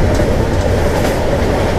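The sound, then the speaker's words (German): A loud train rumbles steadily with dense mechanical noise and faint rail clatter as it pulls into and stops at Hamburg Hauptbahnhof station in Germany. No voices are heard. “Wir halten wieder mit dem Zug in einer großen Stadt, machen die Türen auf und ihr erkennt ein Geräusch.”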